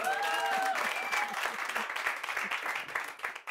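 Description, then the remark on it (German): An audience applauds in a dense, steady wash of clapping that stays loud for a few seconds before thinning slightly at the end, with a brief whistle rising over it early on. “Wo gab es den meisten Applaus?”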